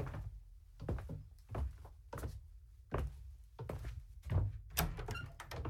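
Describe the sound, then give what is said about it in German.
A door opens with a dull thunk, followed by a steady series of footsteps thudding across a hard floor as people walk through into the back of a shop, moderately loud, with no one speaking. “Lass uns mal durch die Tür da nach hinten in den Laden.”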